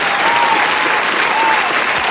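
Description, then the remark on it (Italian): An applause sound effect played on a radio show: a burst of applause from a crowd, steady and dense clapping filling the whole moment at a fairly loud level, with no one speaking over it. “Auguri, aspetta, applauso, abbiamo l'applauso, quello non ho gli effettini, quelli che ho di solito lì dal Carpegio, però aspetta, eccolo qua.”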